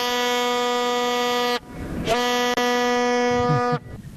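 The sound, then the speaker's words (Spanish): A loud, brassy horn blares in two long sustained blasts, each about a second and a half, with a short pause between them and a tiny hiccup in the second, sounded to build excitement ahead of a football match the next day. No one speaks. “Así, con esa bocina, mi querida Geo, le estamos poniendo un poquito de color y calor y esperando con mucha ansiedad lo que va a ser el partido el día de mañana”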